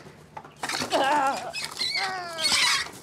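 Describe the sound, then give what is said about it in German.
A brooding hen squawks in alarm to protect her eggs: a burst of loud, harsh, wavering cries that start after a brief quiet moment and run on almost without pause, rising and falling in pitch. “Ja, macht natürlich richtig Alarm hier.”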